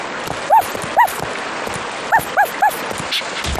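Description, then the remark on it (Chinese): A small robot dog gives five short, bright electronic yips, two spaced apart and then three in quick succession, over a steady hissing background noise. “哇，是机器狗，好可爱呀，快让我抱一下。”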